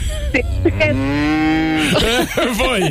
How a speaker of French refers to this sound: C'est quoi? Je dirais une vache.